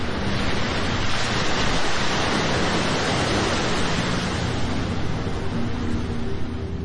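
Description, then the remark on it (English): Ocean surf roars steadily below a cliff, a continuous, fairly loud wash of breaking waves with gusty wind mixed in and no pauses between breakers. No one speaks. “Some of the flowers blew over the cliff and into the ocean.”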